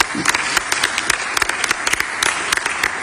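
Dense audience applause, many hands clapping in a steady, bright patter that stays fairly loud and even for about three seconds, with no voices over it.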